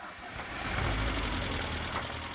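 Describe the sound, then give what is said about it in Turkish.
A classic car engine idles steadily, a low rumble with a busy ticking, clattering layer of valvetrain noise running over it the whole time, with no voices. “Tek sorun bu gürültü. Kam olabilir. Hidrolik kaldırıcılar veya her ikisi de olabilir.”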